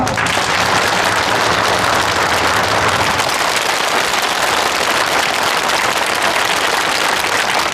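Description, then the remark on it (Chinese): Sustained applause from a large crowd congratulating prisoners granted sentence reductions and parole, a dense, steady wash of many hands clapping at once that stays loud throughout, with a low hum underneath during the first few seconds. “掌声祝贺他们。”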